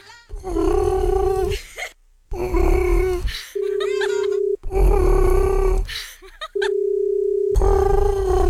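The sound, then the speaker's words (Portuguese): A Japanese telephone ringback tone: a loud, buzzy, warbling hum at a steady low-mid pitch, repeating in bursts of about a second with short gaps between them. “Olha, até o toque, o barulho de chamar lá no Japão é diferente. Parece um pombo.”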